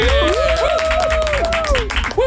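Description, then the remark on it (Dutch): Steady applause on a radio programme welcoming a guest on the phone fills the whole moment, dense loud clapping with a sustained whistle-like tone gliding over it. “Mag je een warm applaus voor niemand minder dan”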